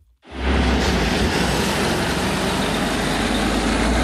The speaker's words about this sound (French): C'est un camion qui quitte une usine pas comme les autres, près de Roanne, dans le département de la Loire. Cette usine, c'est Léa de la société de construction Eiffage Route qui innove pour produire des voies plus vertes.